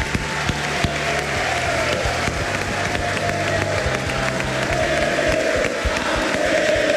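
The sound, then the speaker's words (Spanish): Sustained applause from a large audience at a school, for the school's director and owner, dense and steady throughout, with scattered cheers and whoops rising over the clapping. “Quiero pedir un aplauso para el director, para el dueño de este colegio”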